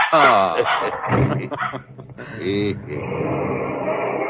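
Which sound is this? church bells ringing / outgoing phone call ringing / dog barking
dog barking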